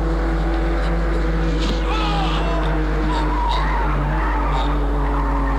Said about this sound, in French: La voiture file, roule en zigzag.